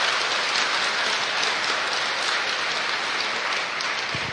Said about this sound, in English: We have a radio audience with us tonight joining us across the network, so let's give them a round of applause so they know somebody's in the auditorium here.